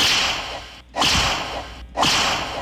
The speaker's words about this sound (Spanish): Unos latigazos.